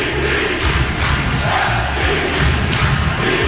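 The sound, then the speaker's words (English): A large stadium crowd of Portland Timbers soccer supporters in Portland chants and cheers in unison, loud and continuous, with rhythmic thumps like drumming or stomping pulsing beneath the roar. “101.9 things we love about Portland. Number 14, the Timbers Army.”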